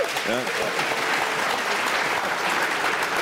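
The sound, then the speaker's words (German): An audience applauds to show who has signed the Berlin car-free (Berlin autofrei) petition, for a radio broadcast, in a steady, dense wash of clapping that holds its level for about three seconds, with a brief voice audible near the start. “Gegenprobe, ging nicht um die Länge des Applaus.”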